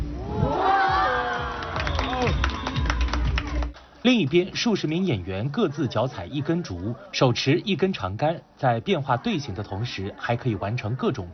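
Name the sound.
audience cheering and clapping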